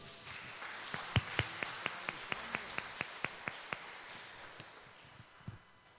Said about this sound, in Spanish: Démosle un aplauso.